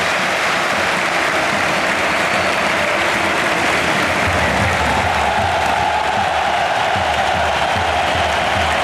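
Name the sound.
stadium crowd applauding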